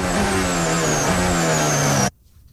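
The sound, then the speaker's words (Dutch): A Formula 1 engine in Lance Stroll's car screams loudly from an onboard perspective, its high, steady pitch dipping briefly as it shifts, then cutting off abruptly after about two seconds. “Onboordgeluid en de bijbehorende problemen voor Lance Stroll.”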